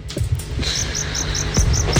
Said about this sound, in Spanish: Los grillos. Si no los ves, es que están ahí. Si los ves, es que no están. Los grillos.